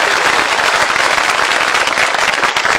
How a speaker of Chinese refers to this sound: 您说像您这么没皮没脸的，跟观众直接要掌声，观众好意思不给你鼓吗？